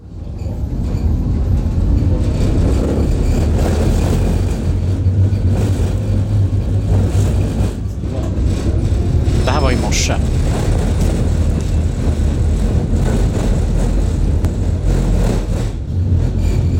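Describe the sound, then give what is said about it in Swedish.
A loud, rough old car engine roars and revs continuously, with a brief high squeal partway through and a short spoken remark near the start. “Det här är en gammal vagn.”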